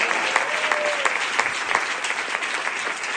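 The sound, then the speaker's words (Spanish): An audience applauds Christ steadily during a church sermon, a dense wash of many hands clapping at even loudness throughout, with no speech over it. “Denle fuerte aplauso al Cristo de la gloria, a su nombre.”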